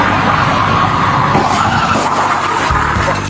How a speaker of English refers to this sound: The patrol car's just been rear-ended. Fairview 187, my vehicle's just been hit.